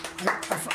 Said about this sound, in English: Getting applause out in the gallery there. Oh yeah, we got a gallery.